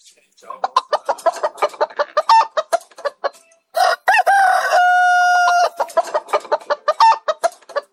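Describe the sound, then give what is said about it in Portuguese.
A flock of chickens clucks in quick, uneven bursts early in the morning as the animals are being fed, and midway a rooster lets out a loud, drawn-out crow before the clucking resumes. “Rapaz, dê comida aí pros animais, rapaz, dê comida pras galinhas.”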